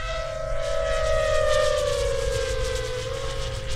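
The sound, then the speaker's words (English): A drone flies by with a steady, loud buzzing motor whine whose pitch drifts slowly lower, over a rumbling low background. No one speaks. “different kind of drones.”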